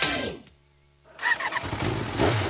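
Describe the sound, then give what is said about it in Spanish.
The engine of a Freedom Avatar 200 LX, a 2027 off-road motorcycle, roars and revs loudly, cutting in after a brief hush with a low hum, then holding a rough, throaty growl to the end. “Una moto todoterreno, pensada en los amantes de la aventura.”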